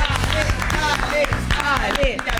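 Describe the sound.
A burst of lively clapping from a small group, steady and fairly loud throughout, with people talking and calling out over it.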